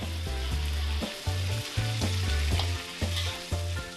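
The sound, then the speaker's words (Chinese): Sichuan twice-cooked pork slices sizzle steadily in a hot wok with sweet bean paste and chili bean paste, garlic sprout leaves added last as the slices curl into cup shapes; a continuous crackling hiss with occasional stirring, while background music plays a rhythmic melody underneath. “一成熟的蒜苗叶则在最后加入。这时肉片出现了灯盏窝的形状。”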